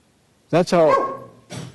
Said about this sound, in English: That was a barking dog you heard. He liked that verse.